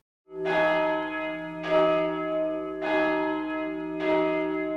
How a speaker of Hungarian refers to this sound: Harangszó.